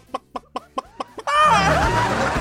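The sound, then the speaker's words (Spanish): A person imitates a hen laying an egg with a kiss sound: six quick, evenly spaced kissing clucks, then a loud, drawn-out squawk. “Ya por último, el beso de gallina poniendo un huevo.”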